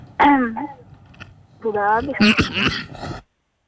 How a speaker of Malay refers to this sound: Mohon maaf batuk lagi itu.